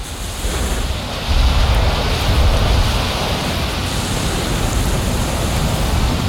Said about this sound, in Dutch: Het is weliswaar een warme wind, maar het is een harde wind